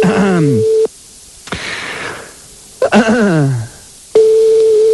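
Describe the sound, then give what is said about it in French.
A steady telephone line tone hums, cuts off for a stretch of dialing-like clicks and gliding, falling tones as a McDonald's telephone number is dialed, then the flat tone returns at the end. “Allez, on y va, on compose un autre numéro de téléphone de McDonald's, c'est très sympa, ça aussi.”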